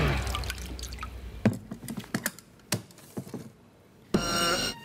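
Cold water splashes and trickles into a container, with scattered drips and clinks in between, then ends in a steady rush of pouring.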